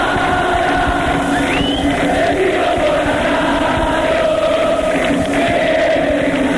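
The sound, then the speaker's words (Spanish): A large football crowd in a stadium chants the famous 'jugadores' chant, sung to the melody of a 1977 hit: a loud, steady, dense roar of many voices with sustained sung tones and a brief rising whistle early on. “la melodía de su hit de 1977 es usada como el famoso cántico jugadores en todas las canchas de fútbol del país.”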